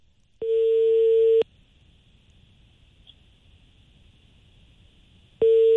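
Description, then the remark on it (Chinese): A telephone busy tone after the Zhengding Sancai furniture market hung up the call. A steady, clear electronic beep sounds for about a second, then a long quiet gap before it starts again at the end. No one speaks. “然后问题吧，问到这个恨节上就把电话挂了。”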